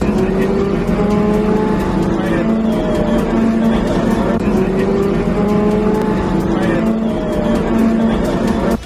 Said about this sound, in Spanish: Este es el sonido del interior del autobús que traslada a los 59 efectivos de la UME a la zona cero de la tragedia.